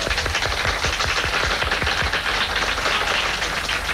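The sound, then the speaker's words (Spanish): An audience applauds Cuban actor Ildefonso Tamayo steadily for four seconds, a dense, loud wash of overlapping claps with sharp individual hits popping through, holding an even level throughout with no voices. “Ildefonso Tamayo, un fuerte aplauso.”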